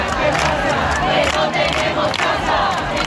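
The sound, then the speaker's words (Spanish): A large crowd in the Puerta del Sol shouts together in a loud, sustained roar with rhythmic rises and falls, like protesters chanting in unison. No single voice stands out from the mass of voices. “Continúa el descontento y hablan de vergüenza.”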